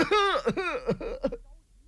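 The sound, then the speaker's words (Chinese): A man's voice imitates an elderly master's coughing fit brought on by agitation: about four strained, throaty coughs in quick succession, fairly loud, fading out at the end. “一着急咳嗽上了。”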